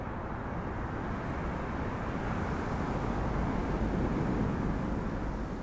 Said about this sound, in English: And it is pretty windy today, jeez.